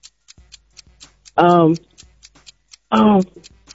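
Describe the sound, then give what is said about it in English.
A game show countdown clock ticks in a quick, steady rhythm, its sharp clicks broken twice by loud, sustained electronic tones that each last about a third of a second. “All right, start the clock.”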